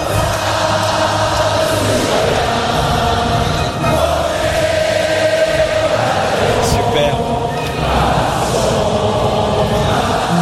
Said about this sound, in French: Marseillaise avec de beaux applaudissements à la fin.